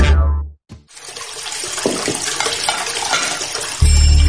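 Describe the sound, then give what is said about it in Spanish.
Water pours steadily from a tap for a few seconds, a continuous splashing hiss that starts after a brief gap and runs to the end, with a low hum underneath at the start and finish. “Usa el agua para remojar los platos y para el enjuague final.”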